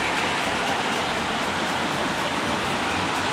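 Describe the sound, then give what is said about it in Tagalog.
Heavy rain from the southwest monsoon (habagat) pours down on EDSA at the corner of Main Avenue, Metro Manila, in a steady, dense hiss that stays constant and loud for the whole stretch, with no voices or distinct individual drops standing out. “narito tayo ngayon sa Maya EDSA sa panulukan ng Main Avenue kung saan na nakararanas pa rin tayo ng manakanakang pag-ulan.”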